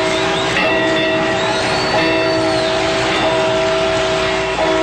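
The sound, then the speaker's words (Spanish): Church bells of the parish of Dolores, rung by the priest Miguel Hidalgo at dawn on Sunday 16 September 1810 to summon the townspeople, ring out loudly in a steady, repeated toll, each strike about every second and a half, tones hanging and overlapping between hits. “En la madrugada del domingo 16 de septiembre de 1810, don Miguel Hidalgo, cura del pueblo de Dolores, hizo sonar las campanas de su parroquia, convocando así a los habitantes del lugar.”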